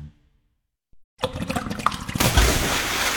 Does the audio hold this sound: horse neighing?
no